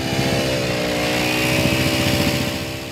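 A small engine runs steadily at a loud, even pitch with a rapid rattling vibration underneath: a vibrating plate compactor thumping over sand, compacting it over newly laid district heating pipes at a construction site in a residential area of the Lutherviertel in Chemnitz, Germany. No voices.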